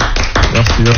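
A crowd applauds with a loud, dense burst of clapping that runs steadily for about a second, while voices call out and cheer over it.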